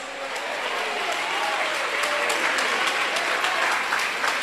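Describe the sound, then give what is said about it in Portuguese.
An audience claps hands to glorify Jesus in a dense, sustained burst of applause, many overlapping claps forming a steady, loud wash of sound with no talking. “E eu quero que vocês desocupem as mãos, batam palmas e glorifiquem a Jesus.”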